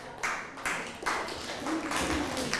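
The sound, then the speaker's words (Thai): A class claps together for a classmate in a burst of rhythmic applause, the claps landing in quick waves with a slight echo, moderately loud. “ทิ้งขยะให้เป็นที่ครับ ทิ้งขยะให้เป็นที่อ้าวปรบมือให้เพื่อนหน่อย”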